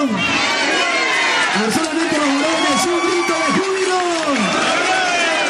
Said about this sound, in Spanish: ¡Un grito de júbilo! Mira, hay una multitud de personas y pues, hermanos, lo podemos hacer más fuerte, ¿verdad? ¡Un grito de júbilo!